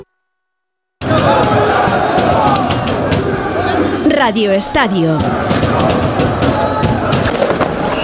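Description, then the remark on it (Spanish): After a second of silence, a loud street crowd in Paris roars and cheers at night on 30 May, celebrating Paris Saint-Germain's second Champions League win in Budapest, without pause, with a wavering tone sliding up and down midway and a brief spoken voice. “Esto que escuchas es la noche parisina, la noche del 30 de mayo en el que el Paris Saint-Germain conseguía a unos poquitos de kilómetros de distancia, en Budapest, su segunda Liga de Campeones, su segunda Champions.”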